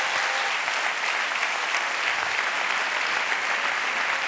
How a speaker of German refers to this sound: Ein Applaus mal für euch alle jetzt an dieser Stelle.